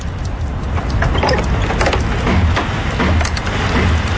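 Wind blows steadily with a loud, rushing roar and a deep low rumble, broken by scattered knocks and rattles. No one speaks.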